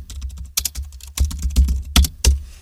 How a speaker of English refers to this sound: And if they can work out what you're typing, they can then steal your passwords. See if you can work out what I'm typing. Here we go.